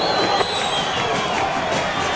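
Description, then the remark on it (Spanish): Central football fans applaud in a stadium as the players leave the pitch, a dense, steady wash of clapping and crowd noise that stays loud and even throughout, with no single voice standing out. “A ver, los aplausos del hincha de Central.”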